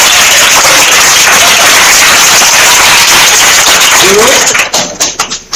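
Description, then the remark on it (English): A loud, dense burst of applause from a class after a pupil correctly answers a quiz question, steady for several seconds before thinning out into a few scattered individual claps at the end. “A round of applause!”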